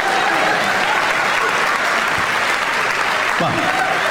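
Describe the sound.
A steady wash of audience applause fills the whole four seconds, dense, with a faint voice or two barely rising beneath the clapping.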